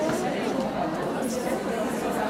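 A steady hum of many overlapping voices of an audience in the foyer of the Volksbühne theatre in Berlin, a dense crowd chatter with no single speaker standing out, continuous and moderately loud throughout.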